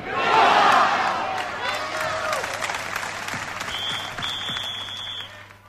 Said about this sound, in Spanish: Fue precisamente durante la proclamación de este bloque cuando se registraron esos vítores a España y posteriormente se interpretó el himno español.